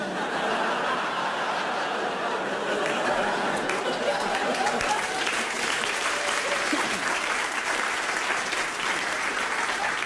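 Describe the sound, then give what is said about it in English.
Steady, dense clapping from an audience, started by one audience member, runs the whole time at an even, fairly loud level, with scattered chuckles mixed in and no speech. “Someone sat down there who's tried to start a round of applause and it didn't look like you were going to go with it.”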